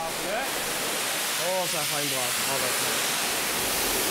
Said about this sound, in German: jetzt kommt hier die große Wasserdusche. Das haben die beiden schon 1000 Mal zusammen gemacht. Heute ist es die letzte Dusche.